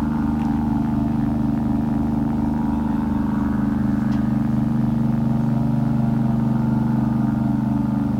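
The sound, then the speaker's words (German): A steady rumble of car engines from traffic on the Veteranenstraße, a constant low droning hum that holds at the same loudness throughout, with no voices. “Der Wind im Laub. Die Autos auf der Veteranen.”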